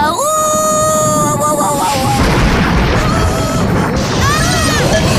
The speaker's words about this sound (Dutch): Wat een donders geknal, zeg.